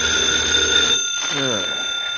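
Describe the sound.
A telephone rings with a steady, bright electronic trill for about a second, then cuts off as a man's voice begins speaking.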